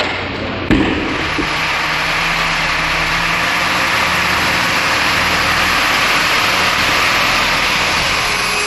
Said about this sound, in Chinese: 满载宫城柿子的大卡车连夜发车，前往俄罗斯圣彼得堡市。